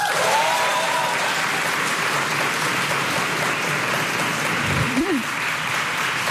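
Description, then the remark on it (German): Loud audience applause, a dense, steady wash of many hands clapping at once as the audience is asked to clap loudly if they identify as Millennials, sustained without pause for several seconds with a faint voice briefly audible underneath. “Und zwar, ich würde gerne in Form von Applaus das Publikum fragen. Es klatsche doch bitte einmal laut, wer sich hier auch als Millennial identifiziert.”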